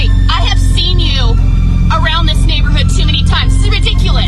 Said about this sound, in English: Your car is insanely loud.